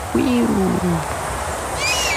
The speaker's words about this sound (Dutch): In het noorden van de Veluwe kwam dit geluid, dat wii, steeds dichterbij, schrijft Debbie Dodeman. Even nadenken, want dit hoor ik niet vaak. Een wespendief. En hij vloog uiteindelijk al roepend over.